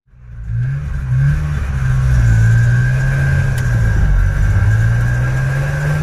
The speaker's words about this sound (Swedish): De flyttade med en motorcykel som hade en sidovagn och körde via Sverige sen. Min morfar sitter inklämd mellan packningen i sidovagnen.